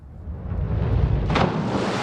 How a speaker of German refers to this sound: Ihr ultimativer Sprung ist das volle Brett. Das ist halt eine Landung aus dem Splash-Diving und das soll es halt so laut wie möglich knallen und hochspritzen das Wasser quasi.